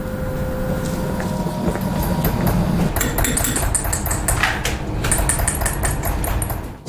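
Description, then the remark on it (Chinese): A hammer taps rapidly on metal during filigree metalwork, with a run of sharp, ringing strikes over a steady low mechanical hum in the background; no one speaks. “简单的敲击一下，我就这么一下，它是不是一个点？”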